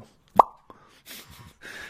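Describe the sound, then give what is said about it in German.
A single sharp mouth pop on a radio broadcast, a bright hollow plop made with the lips, followed by a faint click and soft breathy noises afterward. “Plopp, das heißt Stopp, hieß das früher mal in dieser Kindershow von Michael Schanze.”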